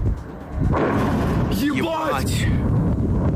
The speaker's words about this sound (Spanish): Cerca de las pistas del aeropuerto de Sheremetyevo, lejos de las terminales, se produjo una explosión.